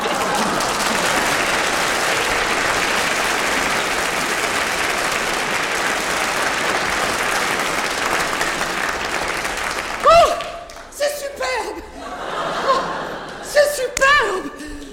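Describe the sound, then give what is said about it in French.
Dense, steady applause from the townspeople fills the first ten seconds, then stops abruptly and gives way to excited voices speaking over scattered noise. “Enfin, bref, il m'empoigne par le bras, me ramène à la surface, aux applaudissements de la population...”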